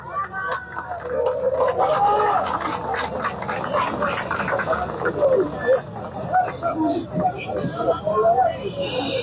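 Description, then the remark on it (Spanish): A large crowd in Cochabamba, Bolivia, applauds loudly and steadily for several seconds on a hot midday, the dense clapping mixed with cheers and shouting voices throughout, welcoming the executive of the Confederación Sindical Única de Trabajadores Campesinos de Bolivia. “Hermanos, vamos a recibir con este aplauso fuerte al hermano”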